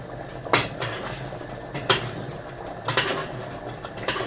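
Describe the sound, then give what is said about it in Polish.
A utensil scrapes and clinks against a pan in a few irregular knocks over a low steady hum as diced canned tomatoes are gently stirred into a bolognese sauce with pasta. “I wrzucam na chwilę jeszcze do przygotowania się razem z sosem. Mieszam delikatnie.”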